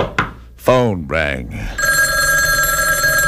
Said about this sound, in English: It was at this point the phone rang.